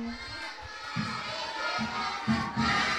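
A crowd cheers and applauds after a children's performance, with broad, steady noise, children's voices rising in bursts over a continuous wash of applause-like clatter.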